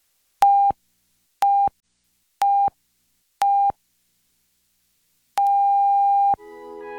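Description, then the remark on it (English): The National Research Council official radio time signal: four short, evenly spaced mid-pitched beeps one second apart, then a long steady dash tone of the same pitch marking exactly 1 o'clock Eastern Daylight Saving Time, after which other sound begins. “The beginning of the long dash indicates exactly 1 o'clock Eastern Daylight Saving Time.”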